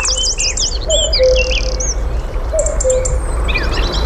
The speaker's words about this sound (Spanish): Y enseguida van a empezar a incorporarse uno a uno las aves del día. El cuco, un petirrojo. Es de noche, pero ya suena el día. Es casi invierno, pero ya suena la primavera.